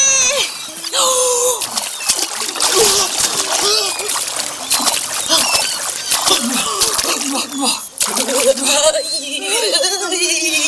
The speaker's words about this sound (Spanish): ¡Te ha hecho una carrera hasta el agua! ¡Con piqueros!